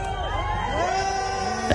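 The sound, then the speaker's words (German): A crowd of fans outside a hotel in Paris sings and cheers together for a singer, many voices weaving overlapping melodic lines over a steady roar of the throng, with a brief louder shout near the end. “Die Fans singen sogar für sie.”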